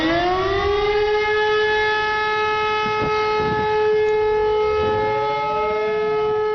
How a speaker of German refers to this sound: Den Warnungston, das ist auch wieder ein einminütiger Ton, aber das ist ein Dauerton. Die Tonlage bleibt gleich.